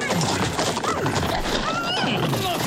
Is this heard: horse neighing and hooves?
yes